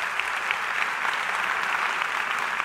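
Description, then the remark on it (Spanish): A large church audience claps steadily at the Más Vida anniversary, a dense, continuous wash of many hands for a few seconds, with no voices rising above it. “Vamos, si va a aplaudir, hágalo con ganas, iglesia.”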